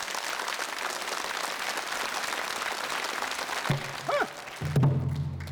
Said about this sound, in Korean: 여러분의 따뜻한 박수로 성창순 명창의 무대 열어보겠습니다.